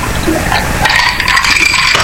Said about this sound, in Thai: นี่ชุ่มฉ่ำอุรามากๆเลยฟังเสียงแก้วนะครับ